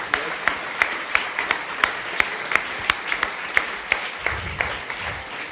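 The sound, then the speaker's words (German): A crowd applauds steadily, dense clapping with sharper individual claps popping out at a quick irregular rhythm, fairly loud throughout, with a faint low murmur near the end. “Also das ist ein riesen Applaus, bitte.”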